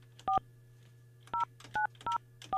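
Several telephone keypad tones beep in quick, uneven succession, each a short dual-pitch blip, clear over a low steady hum, with no one speaking, as a host dials a listener's phone number to call them.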